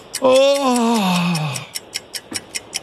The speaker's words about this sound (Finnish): Haukottelee. Haukotus.